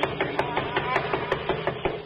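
Loud, rapid knocking on a door: about a dozen sharp wooden raps in a fast, steady rhythm with no one speaking.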